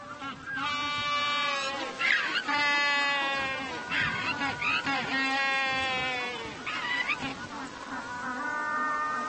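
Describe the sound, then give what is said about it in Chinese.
A penguin at its nest burrow brays loudly in a long series of harsh, nasal, bleating calls, announcing its finished burrow to the opposite sex, each call rising and falling in strained bursts with brief breaths between, continuing for several seconds. “他大声宣布洞朝建好了，欢迎异性参观。”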